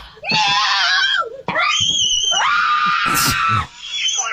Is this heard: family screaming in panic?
yes